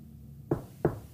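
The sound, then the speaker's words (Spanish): Three sharp knocks on a hard surface, evenly spaced, each a dull solid rap that fades quickly over a faint low background hum. “¿Golpe? ¿Tres golpes? Tres.”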